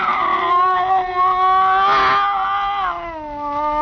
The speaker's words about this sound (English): Slowly, it moved out into my line of vision. There was a cat. That scrawny cat, Clara, that Mother Willis had sneaked aboard in La Guaira.